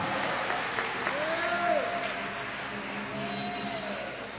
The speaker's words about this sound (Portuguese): Aplaude a Ele e dá glória a Deus aí. Aleluia!